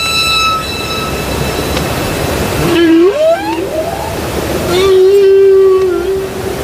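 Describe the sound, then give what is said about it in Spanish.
Humpback whale song: long, wavering moans that rise and bend in pitch, followed by a sustained tonal cry, all over a steady hiss of background noise with no voices. “Los cánticos de las ballenas jorobadas que antes escuchamos”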